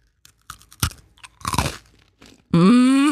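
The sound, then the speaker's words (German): Crunching as someone bites into a crisp spekulatius spiced cookie, several sharp brittle crunches while chewing, followed by a short, loud hummed vocal sound at the end. “Es ist ein Spekulatius-Keks.”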